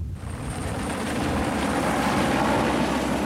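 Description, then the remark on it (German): A helicopter drones overhead, a steady low rumble with a broad engine roar that swells slightly louder as it draws closer. No one speaks. “An dem Himmel kommt ein Helikopter zum Vierschein.”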